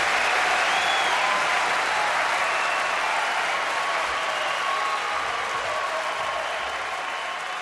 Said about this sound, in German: So ein bisschen Applaus oder Live-Kulisse nutze ich als Übergang für, was ich schon angekündigt habe, zum Old